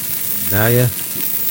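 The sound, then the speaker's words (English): A drink is poured into a glass, its pitch rising briefly as it fills, over a steady fizzing hiss of carbonated bubbles that continues after the pour stops. “Sound effect sounds refreshing until the sizzling at the end. Yeah, it's not like sizzling. Bacon. It's more like bubbling.”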